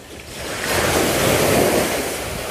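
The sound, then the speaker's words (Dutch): Ocean surf breaks on a white beach in the bay of Han on a sunny day, a broad roar of a wave that swells in over about a second, holds strong, then slowly eases back, with some wind rumble underneath. “We lopen door de branding”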